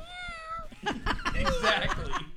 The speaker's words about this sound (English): That's right, and you meow too. You agree, see? A cat will always agree.